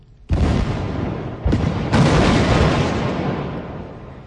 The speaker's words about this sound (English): That there was the sound of an explosion in the River Danube in Romania in an attempt to divert water to a nuclear power plant to keep it working.